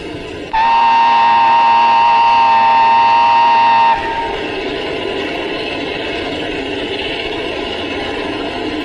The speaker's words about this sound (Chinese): 参谋长，火车来了， 看清楚了吗？ 看清了。